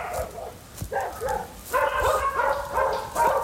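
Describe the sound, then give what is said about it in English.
Several dogs bark and yip in quick overlapping bursts, with faint background music running underneath. “How many dogs are there?”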